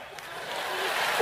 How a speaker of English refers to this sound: Clap.